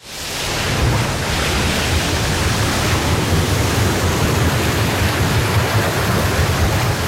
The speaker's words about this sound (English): waves out at sea can swamp your boat.